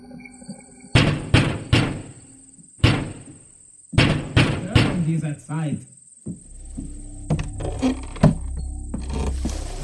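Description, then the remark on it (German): Loud, sharp knocks strike a door in uneven clusters, three raps, a single one, then three more, as people standing in front of the door knock loudly, before people begin talking with some background rumble. “standen und laut und vernehmlich klopften.”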